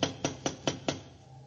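knocking on a door

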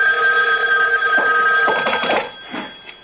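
telephone ringing

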